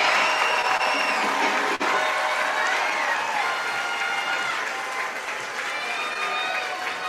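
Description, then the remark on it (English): A big crowd roars and cheers loudly and steadily, a dense wash of voices and whoops filling the stadium for several seconds before easing slightly toward the end, at a baseball game after a two-run single puts the Scrappers ahead 8-6. “And the Scrappers now lead 8-6. Big roar from the crowd.”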